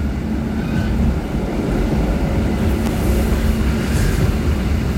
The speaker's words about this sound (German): das ist ein bisschen ältere Zugmodell, rüttelt noch ein bisschen. Wir fahren jetzt aus. Vasovava-Vochotnja fahren wir jetzt raus.